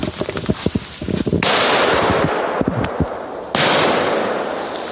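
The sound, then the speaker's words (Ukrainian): A training mine buried in the ground is set off by its sensor during a mine-safety training exercise, with a volley of sharp firecracker-like bangs, then loud sustained hissing blasts of rushing noise, with a few more pops in between. “Ліг, той сектор не зачистив, погано зачистив, а там була міна, впав і вона взірвалася.”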